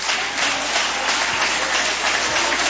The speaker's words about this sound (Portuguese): Pode glorificar o Senhor com as palmas.